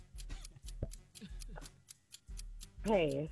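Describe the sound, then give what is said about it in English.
A game clock timing a trivia quiz round ticks steadily and quickly, about three crisp ticks per second, over a low background rumble, with a brief voice sounding near the end. “Start the clock.”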